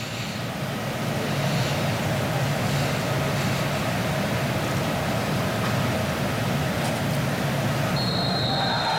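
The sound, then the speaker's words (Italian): A stadium crowd roars and applauds in a steady, loud wash of noise in tribute to a South African midfielder who has died, and near the end referee Turpin's whistle cuts in with a sustained high tone. “Ed eccolo il fischio dell'arbitro Turpin, accompagnato da un boato e da un grande applauso per questo ragazzo che ci ha lasciato troppo presto.”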